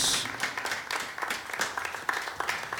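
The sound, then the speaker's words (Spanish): A church audience claps their hands for the Lord in thanks, a dense, sustained burst of applause, many overlapping claps forming a bright, crackly wash at steady moderate loudness with no speech. “Démosle palmas una vez más al Señor, porque estamos agradecidos.”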